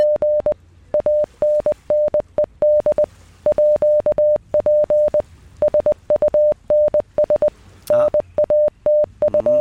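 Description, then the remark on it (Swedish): A steady, clear Morse code tone, played as a sound puzzle for listeners to decode, keys on and off in a brisk pattern of short dots and longer dashes, prominent, with no voices over it. “Ska vi köra morsekoden? Vi kör den en gång till.”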